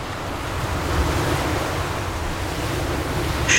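Steady roar of sea waves rolling and washing in, a broad continuous surf rush with a slight swell in the middle, with some wind buffeting and no voices.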